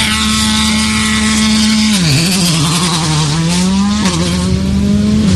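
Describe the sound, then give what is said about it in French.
A loud rally car engine roars, revving hard as it pulls away from the start line of a rally, its pitch briefly dropping twice with gear shifts before climbing again. No one speaks. “Et attention, 5 secondes du départ.”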